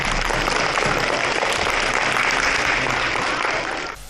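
A large crowd of students applauds warmly to welcome a speaker for the first lesson of the school term, a dense, steady wash of clapping that holds at full strength for about four seconds before cutting off abruptly, with no one speaking.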